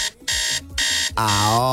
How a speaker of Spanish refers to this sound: Y si aún no ha sonado tu alarma, no te preocupes, te ayudamos. Escucha.